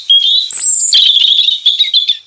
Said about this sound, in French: La nuit tombe et laisse place au jour qui se lève avec les chants d'oiseaux.